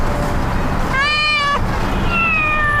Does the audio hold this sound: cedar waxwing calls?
no